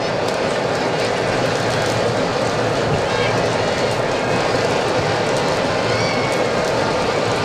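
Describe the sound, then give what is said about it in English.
Heavy rain pours down on a ballpark during a Braves baseball game in the top of the sixth inning, a steady, dense hiss that covers the whole clip, loud and unbroken, with a low rumble beneath and no pauses in the downpour. “Heavy raindrops continue to fall.”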